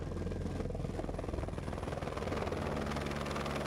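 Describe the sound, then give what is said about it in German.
A helicopter transporting goods in the mountains flies steadily, its rotor producing a continuous, pulsing thrum with a deep droning engine roar that stays loud throughout, with no voices. “Was früher mühselig zu Fuß oder mit Lasteseln transportiert werden musste, erledigt heute der Helikopter.”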